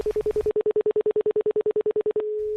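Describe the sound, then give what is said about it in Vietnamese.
A quick, even run of identical short telephone dialing beeps, clear, then a steady unbroken phone tone takes over as a call is placed. No one speaks. “Anh gọi cảm ơn người ta đi.”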